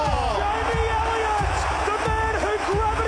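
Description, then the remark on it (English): A huge AFL football crowd roars and cheers continuously as the siren sounds, a dense wall of voices with shouts and whoops rising out of it, loud and sustained throughout without pause. “Listen to the roar.”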